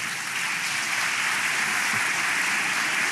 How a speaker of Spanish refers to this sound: Sí, aplaude nomás.